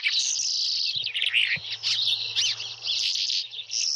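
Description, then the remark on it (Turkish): A hawk (Turkish 'şahin'), recorded by Jorge Leitao in Portugal, calls in an unbroken run of shrill, high-pitched cries and chatters, fairly loud and without pause, over a steady low hum. No one speaks. “Şahini Jorge Leitao Portekiz'de.”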